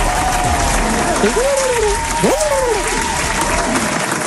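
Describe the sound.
An audience applauds loudly and steadily for the whole stretch, a dense wash of clapping for the winner of a listener game whose prize is two sets of pétanque boules and caps, with a voice rising and falling in pitch above it, like cheering or an announcer.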